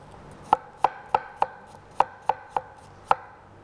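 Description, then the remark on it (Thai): A knife chops a washed apple, skin on and core removed, into small pieces on a board for blending into a sauce, about eight sharp knocks in an uneven rhythm, with no talking. “แล้วก็ใส่แอปเปิ้ลหั่นชิ้นเล็ก”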